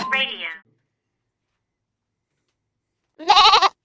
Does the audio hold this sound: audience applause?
no